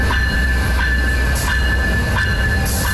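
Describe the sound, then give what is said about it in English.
A Via Rail passenger train pulls in to Guildwood Station in Scarborough in the morning to load passengers, with a loud, steady rumble, a high whining tone held throughout, and periodic clacks from the wheels rolling over the track. Nobody speaks. “Morning, Via Rail train arrives at Scarborough Guildwood Station loading passengers, something that won't be happening for much longer.”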